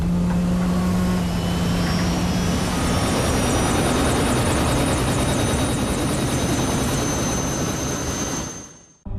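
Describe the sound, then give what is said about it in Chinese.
A helicopter roars, its engine whining steadily over the dense, pulsing thump of spinning rotors, holding loud and constant before cutting off abruptly near the end, as workers board it to evacuate an offshore energy platform ahead of a typhoon. “好，那就按条例办，上直升机。”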